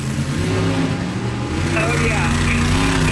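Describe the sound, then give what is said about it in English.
A person vocally mimics a big truck engine revving at a truck and tractor pull at the Stanislaus County Fair, a loud, continuous growl with rising and falling pitch lasting about three seconds. “Very similar to that, when the truck and tractor pulls are going on at the Stanislaus County Fair, you'll probably hear...”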